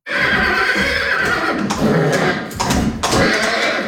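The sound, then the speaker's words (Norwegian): A fjord horse stallion at the Norwegian Fjord Horse Centre in Nordfjordeid, Norway, excited by the scent of a mare in heat, neighs loudly in a long, shrill, wavering whinny that breaks into repeated bursts over about four seconds with no voices present. “Lukta av ei brunstig hoppe er alt som skal til for å begeistre hingsten.”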